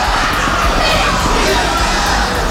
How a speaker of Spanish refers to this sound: en medio de estos gritos de justicia para los muertos en protestas. Para quienes nos siguen en radio, los gritos son bastante fuertes. Y esto en medio de la fotografía de los grupos parlamentarios. Vamos a escuchar un poco de estas arengas.